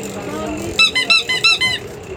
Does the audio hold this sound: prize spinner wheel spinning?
yes